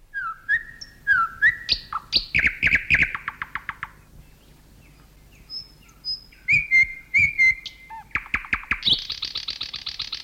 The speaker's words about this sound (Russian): Когда слушаешь соловья, всегда поражаешься силе и широте диапазона голоса этой маленькой птицы.